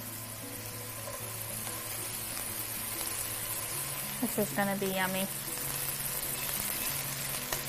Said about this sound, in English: And then this pan is nice and hot. So I'm gonna add a little bit of olive oil. About a teaspoon, maybe a tablespoon. And then I'm gonna add the mushrooms. You got a nice sizzle.